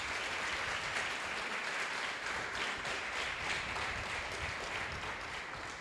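A church audience applauds God steadily for several seconds, a dense, sustained wash of many hands clapping at once, with no one speaking over it.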